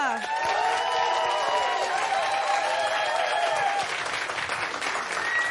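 Loud, dense applause from a show audience voting on which contestant won a challenge, with cheering and whistles, steady throughout, with high tonal whoops riding over the clapping in the first few seconds.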